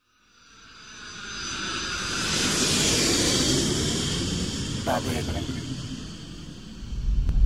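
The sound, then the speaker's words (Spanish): An airplane landing in Montevideo at 19:10 local time: a loud, steady engine roar with a high whining edge swells up within the first second, holds for several seconds, then surges again at the end. “Hemos aterrizado a las 19 horas con 10 minutos, hora local.”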